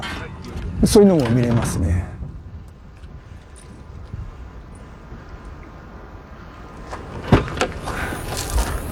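A man packing up his car after a dive: a burst of clattering and rustling, a stretch of low steady rumble, then more knocks and a sharp thud near the end.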